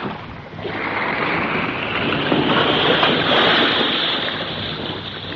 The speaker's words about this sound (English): Hey, the boat's rocking a whole lot more. Yes, I think your girlfriend and her submarine are playing around under us here somewhere now.